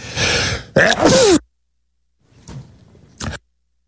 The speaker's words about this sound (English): I'm sneezing here. It's cold.